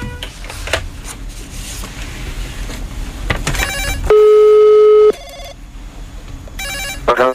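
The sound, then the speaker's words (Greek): A single steady ringback tone of an outgoing phone call sounds for about a second, loud and clear through the line, framed by hissy line noise and faint clatter before and after. “Χτυπάει, έλα, χτυπάει, δώσε.”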